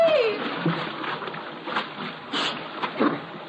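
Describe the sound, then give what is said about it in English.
A bridge gives way with a brief creaking whine as a man crossing it falls, then heavy splashing and churning water fills the scene, swelling in a few louder surges as he plunges into the waist-deep river. “Hey, Mitchell, the bridge is collapsing.”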